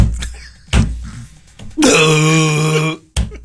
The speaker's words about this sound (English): That's him smacking his hands together.